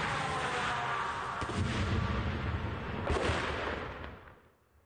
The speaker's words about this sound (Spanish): Eso fue cerca y fuerte. Se podía oír la munición impactando el asfalto, apuntando claramente a ese vehículo blindado.